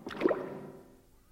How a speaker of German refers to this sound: Es klingt, als ob sich ein Tor öffnet. Das Boot wird langsamer. Jetzt steht es. Was meinst du, wo wir sind? Vielleicht im Palazzo. Das könnte eben das Wassertor gewesen sein.